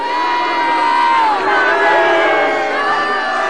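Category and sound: crowd, crowd of protesters shouting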